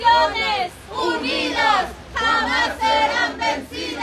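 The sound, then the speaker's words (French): A large crowd of protesters demanding wage increases and better social protection chants the slogan "Neither rain nor wind will stop the movement" in unison, loud rhythmic bursts of many voices separated by brief pauses, with shouting and a dense wash of voices throughout. “Ni la pluie, ni le vent n'arrêteront le mouvement, scandent celles et ceux qui réclament des hausses de salaire et une meilleure protection sociale.”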